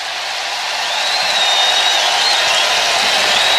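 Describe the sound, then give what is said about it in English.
A baseball crowd gives a Bronx cheer after a strike on batter Kwan makes the count 1-1, a dense, steady roar of many voices that swells slightly at the start and holds loud throughout, with a thin high whistle drifting over it. “And a bit of a Bronx cheer there.”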